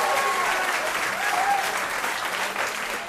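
A crowd applauds steadily, a dense, even wash of many hands clapping that holds at a fairly loud level for the full few seconds with no voices standing out.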